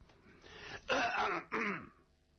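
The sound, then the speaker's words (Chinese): Two forced, deliberate coughs in quick succession, fairly loud, with a throaty, raspy edge, acted out by a storyteller as the character Long Zhentian's pointed 'ahem' at the door of a thatched hut at night. “这龙震天假装的咳嗽两声”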